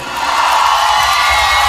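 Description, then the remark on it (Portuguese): A loud crowd of single people shouting and cheering together in answer to a call for them, a dense, sustained roar of many voices that swells quickly and holds steady for a couple of seconds. “Cadê o grito dos solteiros hoje aqui?”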